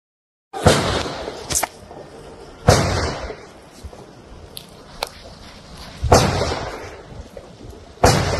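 Around six gunshots ring out at irregular intervals over nine seconds, fired in a simulation from 10 meters away in a narrow allotment garden area. Some are sharp and loud, others smaller, each followed by a short echoing tail, with no talking in between.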